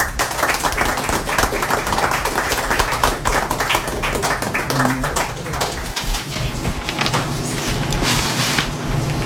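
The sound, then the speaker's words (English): Steady audience applause for a performer, many hands clapping in a dense, continuous patter that holds at an even loudness for several seconds, with faint voices murmuring underneath. “Let's give … another hand and bring up ….”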